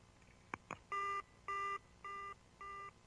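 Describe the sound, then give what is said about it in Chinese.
Two quick clicks, then an electronic telephone ring in a dissection room: four steady, evenly spaced tonal bursts at the same pitch, clear, with no voices. “突然电话铃响了”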